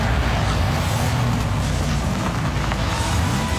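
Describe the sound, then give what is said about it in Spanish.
A car engine hums steadily while driving, its low drone rising and dipping slightly in pitch beneath a constant loud rush of road and wind noise, with no talking. “Si el camino suena así,”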